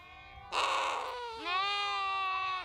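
Two loud bleats one after the other from sheep and lambs in a farm stable as the farmer goes to let the lambs drink. The first is rough and breathy, the second a longer wavering cry, with no talking.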